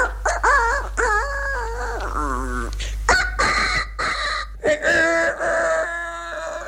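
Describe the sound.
A voice imitates a smaller rooster crowing, several high, wavering, strained calls in quick succession, fairly loud, with no other talking during the imitation.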